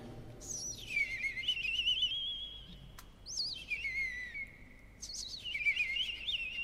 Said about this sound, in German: Dann setzt das Rotkehlchen ein mit dem silberhell perlenden Gesang.